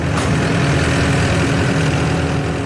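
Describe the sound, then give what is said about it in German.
A sod harvesting machine, like a mix of tractor, large lawn mower, cleaning machine and potato harvester, runs steadily and loudly on a turf field in the morning, cutting 2 cm thick, 2 m long turf strips onto a pallet. A constant low rumbling drone with mechanical clatter, no voices. “Der Sohn von Roland Zahnd fährt eine Maschine, die aussieht wie eine Mischung aus Traktor, über grossem Rasenmäher, Putzmaschine und Vollernte für Herdöpfel.”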